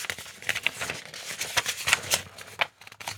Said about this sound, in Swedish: Då bläddrar jag fram ungdomsfrågan på 26an. Nu blir det lite prassel här i pärmen.